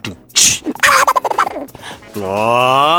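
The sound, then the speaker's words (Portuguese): A voice imitates Donald Duck coughing and gossiping quickly, sputtering out quick coughs and rapid squawky chatter, then holds a long, buzzy nasal quack-like tone at the end, loud. “Isso era o Pato Donald tossindo, fazendo fofoca rapidinho.”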